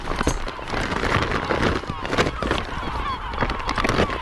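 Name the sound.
wild seabird calling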